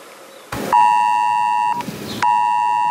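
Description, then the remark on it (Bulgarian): A mobile phone emergency alert tone from a test of Bulgaria's BG-Alert system sounds loud, two long steady electronic blares, each starting with a brief burst of noise, the second cut off at the end. No one speaks. “Това е тестово съобщение от системата BGA-LIRT.”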